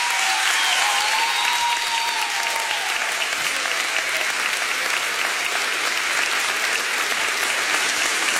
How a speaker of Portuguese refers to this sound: Muito obrigada e bom espetáculo. Forte aplauso para a minha filha